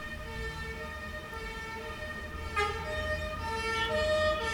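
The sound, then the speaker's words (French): A police van's siren wails over steady street traffic rumble in a street near the rue du Four and boulevard Saint-Germain, its sustained tones growing slightly louder toward the end as it draws nearer. “On entend une sirène de police qui s'approche.”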